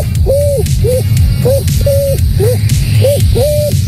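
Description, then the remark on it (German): A 12-year-old boy's voice imitates a pigeon cooing, giving about seven short, hollow coos in an uneven rhythm, some notes drawn out longer, over a steady low rumbling background. “Dann die Taube.”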